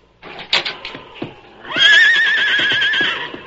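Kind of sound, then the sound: animal, horse neighing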